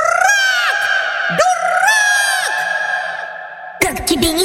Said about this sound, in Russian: И еще долго слышно было, как попугай кричал.